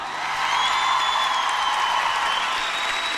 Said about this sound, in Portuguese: Uma salva de palmas para esses anjos, pessoal!